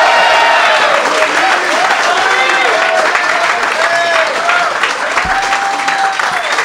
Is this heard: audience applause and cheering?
yes